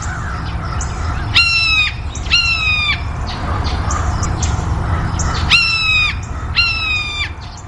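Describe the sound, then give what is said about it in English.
A blue jay gives its hawk-mimicking call: four harsh, rasping screeches in two pairs, each a loud, buzzy single note over a steady low rumble of background noise. “Blue jays will give what we call a hawk call. They mimic a hawk.”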